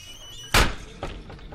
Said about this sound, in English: That was the door to the men's room.